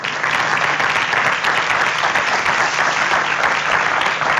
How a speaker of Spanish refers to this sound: Muchísimas gracias por su presencia. A ver, aquí un aplauso también para ellos, por favor.